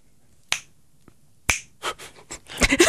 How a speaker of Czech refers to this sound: Líbilo se mi, jak jsi lusknul radši dvakrát.